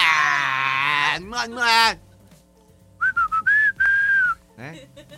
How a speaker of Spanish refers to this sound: Nomás porque no sé chiflar más fuerte, ¿eh? Pero así.